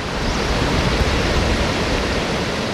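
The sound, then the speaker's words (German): A steady, dense roar of rushing water from a waterfall, heard from a bridge over a river, fills the whole clip at an even, fairly loud level with no voices or pauses. “Aber wir haben den Wasserfall gar nicht gesehen, obwohl wir ihn dort gehört haben.”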